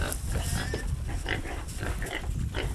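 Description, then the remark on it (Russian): Wild boar grunting in a steady stream of low, rough grunts and snorts, one close on the next for about three seconds, with no voices over them. “Для тигра очень важен кабан, особенно для самок.”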